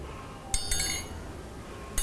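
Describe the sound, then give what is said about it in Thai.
An iron triangle, used by a teacher as the rhythm instrument in a children's movement and rhythm activity, is struck several times in a quick cluster, its bright ringing tone lingering, then hit once more after a pause. It is moderately loud, with no talking. “เครื่องให้จังหวะที่คุณครูจะใช้ในวันนี้นะคะก็คือระฆังเหล็กสามเหลี่ยมค่ะเดี๋ยวเรามาทบทวนจังหวะกันก่อนนะคะ”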